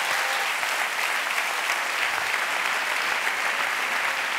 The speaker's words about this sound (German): Ein Applaus mal für euch alle jetzt an dieser Stelle.